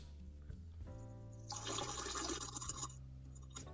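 A steady splashing stream of liquid runs for about a second and a half over a low background hum, then stops abruptly; no one speaks.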